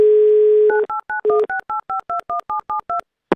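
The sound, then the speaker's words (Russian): A steady dial tone gives way to a quick run of about twelve keypad beeps as the phone number of a man in Moscow is dialed, each a short two-tone pulse, evenly spaced and clear, with no voices. “Набрали его номер телефона.”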